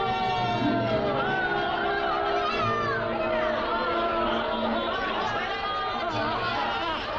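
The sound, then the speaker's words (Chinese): A large crowd at a harbor, surging toward the dock to welcome returning relatives, cheers and calls out together, a dense, steady din of many overlapping voices with higher shouts rising above it, holding at an even loudness throughout. “这样的欢呼对青年军官菲尔朗是牵动不起什么激情的。”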